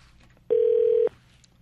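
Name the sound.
telephone call ringing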